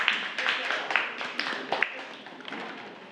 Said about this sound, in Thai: ปรบมือให้กับกลุ่มที่6นะคะ